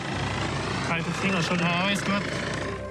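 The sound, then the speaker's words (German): A rescue helicopter's rotor and engine roar steadily and loudly throughout during a mountain rescue of hikers with mountain rescuers, in snow and sub-zero temperatures, while a person speaks over the noise for a couple of seconds in the middle. “Eine Rettung dank Bergretter und Helikopterteam.”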